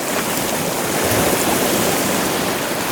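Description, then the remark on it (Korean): Gentle sea waves wash in a steady, continuous hiss of water, calm and even throughout with no distinct crashes, heard on their own without any voices. “그러자 나는 바다 위였다. 파도는 잔잔했다.”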